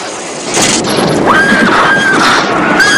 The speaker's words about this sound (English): A horse in a white coat bursts through the doors, ridden by a knight in silver armour. The horse rears up, and as the knight raises his sword, he hits the light fixture, sending sparks throughout the room.